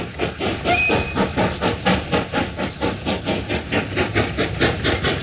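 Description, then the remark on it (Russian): A steam locomotive pulling a freight train of more than 20 cars chugs steadily past, breathing black smoke. Its rapid, regular puffs of hissing steam are loud over a rumbling rail clatter, with a brief faint whistle tone near the start. “Локомотив, пыхтя и дыша черным дымом, тащит за собой больше 20 вагонов.”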